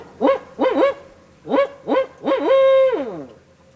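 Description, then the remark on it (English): A birder's voice mimics a barred owl's hooting call: a rhythmic series of rising-falling hoots, two pairs, then a longer drawn-out final hoot, fairly loud. “the guy with the better call”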